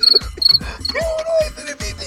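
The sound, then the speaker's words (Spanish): A cricket chirps in quick repeated bursts, a thin high-pitched trill pulsing steadily, with soft low thumps and a faint tonal hum in the background. “Eso es el sonido del grillo.”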